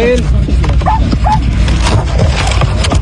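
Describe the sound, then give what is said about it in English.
A small, fluffy dog gives a few short, high yaps and whimpers as rescuers in Venezuela pull it out of a collapsed building after almost a week trapped, amid a noisy, crowded scene with people talking and clattering throughout. “You can hear rescuers pulling a small, cute, fluffy dog out from a crumbled building after almost a week being trapped there.”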